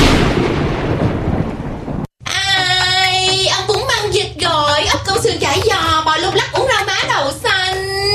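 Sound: thunderstorm with thunder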